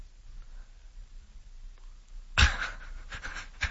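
A dog pants heavily, quick rhythmic breaths starting after a couple of seconds of near silence and continuing steadily to the end.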